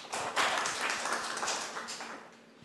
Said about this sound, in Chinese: 好，以热烈的掌声欢迎。